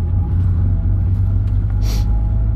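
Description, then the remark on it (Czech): A steady, heavy low rumble of an old car engine, heard from inside the cabin while driving in the middle of nowhere. The car is older than its two occupants combined. The engine drones continuously, with a brief airy hiss near the end and no talking. “Tohle auto začíná smrdět jako fitko.”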